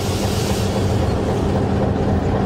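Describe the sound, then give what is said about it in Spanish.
A locomotive on the Arica–La Paz railway, filmed in 2017, brakes to a stop: a heavy, continuous low rumble with a brief hiss at the start that quickly fades. No voices. “Ahí estamos usando el freno para que se detenga la locomotora.”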